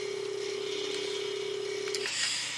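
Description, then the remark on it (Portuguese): A telephone ring during an early-morning live radio sports phone-in in Mozambique: one steady, fairly loud electronic tone holds for about two seconds, then cuts off into a brief clatter as the host picks up, over a hissy background. No one speaks. “Toco o telefone, vou saber quem é.”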